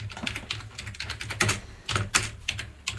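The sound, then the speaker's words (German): Rapid typing of the word 'Gamelan' on a computer keyboard, a stream of quick, irregular clicks with a few sharper, louder keystrokes, over a low steady hum and no voices. “könntest du vielleicht einfach Gamelan eingeben oder soll ich dir helfen, Gamelan zu finden?”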